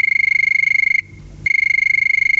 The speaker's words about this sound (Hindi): लेते हैं पहला कॉल। सुन रहे हैं ना, फोन की घंटी बज रही है, कहीं ये आपका ही कॉल तो नहीं?